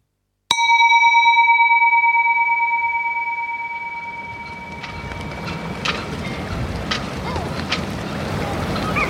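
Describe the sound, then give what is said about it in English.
A sharp bell-like tone rings out and slowly fades as gusty wind and lapping water build up around a boat on troubled waterways leading to an island, with occasional creaks and knocks. “Troubled waterways lead my way to the island. The boat, the ghost.”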